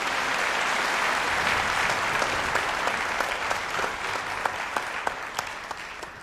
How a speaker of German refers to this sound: Und in diesem Sinne nochmal ganz, ganz herzlichen und einen großen Applaus, herzlichen Dank und einen großen Applaus für die Musikerinnen und Musiker von … und für den künstlerischen Leiter ….